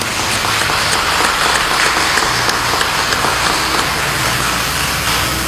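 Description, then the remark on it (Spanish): A church audience applauds for a person's birthday, a dense, even wash of many hands clapping at once, loud and sustained throughout with no voices breaking through. “Démosle, por favor, un fuerte aplauso”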